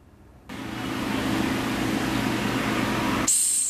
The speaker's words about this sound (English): The Madagascar hissing cockroach. You want to have a listen to it